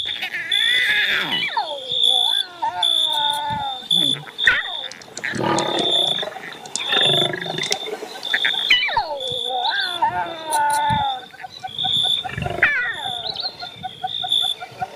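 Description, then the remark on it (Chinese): Lions roar and snarl in a loud, continuous stretch of overlapping calls, their rough voices rising and falling, with a steady high-pitched whine running underneath. “狮子也有幼崽要喂养。”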